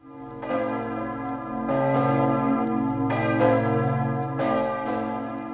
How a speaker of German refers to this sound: Das sind die Glocken von Kloster Ettal, sozusagen die örtliche Hausmusik.